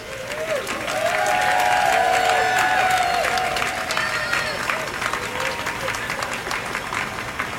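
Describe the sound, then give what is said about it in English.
A crowd of a few hundred people outdoors on a sunny morning in Portland applauds and cheers as an elk statue comes to rest on its platform, with scattered shouts and voices rising over a steady wash of clapping that swells early, then holds at a lively, fairly loud level. “By the time the elk successfully comes to rest on the platform, the crowd has grown to a few hundred people.”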